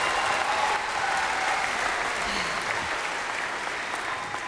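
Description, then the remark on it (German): An audience claps steadily for several seconds, a dense, even wash of applause that stays at a constant moderate level throughout, with no voices standing out. “Applaus bitte.”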